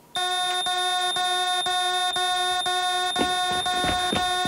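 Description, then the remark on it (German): A loud, continuous electronic alarm buzzer from an emergency button pressed as a trial blares with a steady harsh tone, pulsing rapidly and evenly throughout, with faint rustling underneath and no talking. “Wenn was ist, Notknopf drücken”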